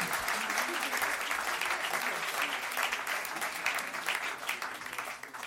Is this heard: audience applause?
yes